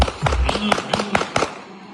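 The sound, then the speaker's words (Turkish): A rapid burst of sharp gunshots fired into the air by a wedding guest during the dancing at a wedding in Şanlıurfa, about six or seven cracks in quick irregular succession, rings out loudly over a murmur of crowd noise. “Havaya doğru bir anda ateş etmeye başladı.”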